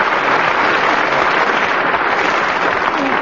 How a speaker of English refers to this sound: But not quite as much applause as I got. Still, not too bad.